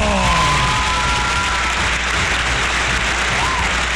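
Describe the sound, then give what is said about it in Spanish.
An audience applauds with a steady, dense wash of clapping that holds at an even, loud level for the whole stretch, with a faint vocal cheer rising briefly near the start. “¡Un aplauso!”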